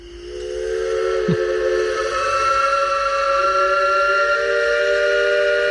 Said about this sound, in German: Kann man nicht überhören. Ja, und dieses Pfeifen von einem Elbe-Schaufelraddampfer, das kennt man. Das kennt man auch nicht nur in Dresden oder in Pirna, Rathen, Bad Schandau.